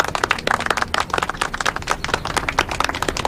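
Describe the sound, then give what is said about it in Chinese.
A group of people at a training class claps together in dense, overlapping applause, a steady crackle of many hands that stays fairly loud and even for the whole few seconds, with no voices over it. “我让你们鼓掌了吗？”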